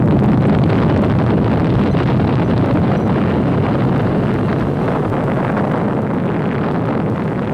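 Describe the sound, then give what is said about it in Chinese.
China's first atomic bomb test explosion, set off atop a 102-metre iron tower on 16 October 1964, rumbles in a loud, continuous roar, deep and turbulent like a huge gust buffeting a microphone, holding steady throughout without voices. “1964年10月16日15时，在102米的铁塔上，中国第一颗原子弹爆炸成功。”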